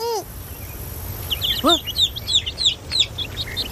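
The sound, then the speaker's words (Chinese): Rapid, high-pitched cheeping of a chick that has run off, a quick series of short bright peeps repeating in an uneven rhythm, clear over a low background hum. “小鸡，你在哪儿啊？ 天天，嗯， 我的小鸡跑了。”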